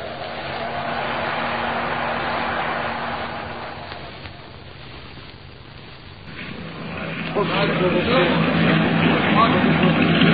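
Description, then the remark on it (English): A small motor launch engine drones steadily amid rushing, choppy water in strengthening wind during a crossing, easing off briefly midway before surging louder again with heavier splashing and engine rumble. “From the sound of it, that engine needs attention.”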